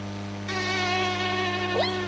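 A steady mosquito whine buzzes continuously for about two seconds, growing slightly louder partway through, with a brief rising pitch near the end and no voices.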